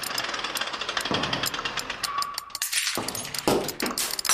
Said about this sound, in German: Zersplitterndes Glas.